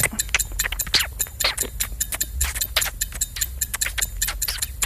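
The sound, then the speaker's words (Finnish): A clock ticks crisp for about five seconds, a quick run of sharp clicks with a slightly uneven rhythm and a faint low hum underneath, no voices. “Meillä nyt ei 6 sekunnin kelloa, mutta tämä kestää 5 sekkaa.”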